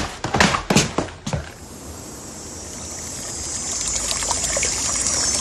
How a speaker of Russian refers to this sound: Я здесь, у ручья, дорогой.